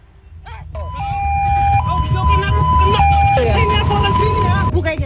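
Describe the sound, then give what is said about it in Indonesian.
A loud ambulance siren wails, switching between two steady pitches for several seconds, with voices and street noise underneath before it cuts off near the end; an ambulance on its way to pick up a patient on Jalan Muhammad Noel, Sukmajaya, Depok, West Java, Indonesia, on a Sunday afternoon. “Pelaku nekat menendang ambulans hanya karena tidak terima dengan suara sirine saat petugas hendak menjemput pasien.”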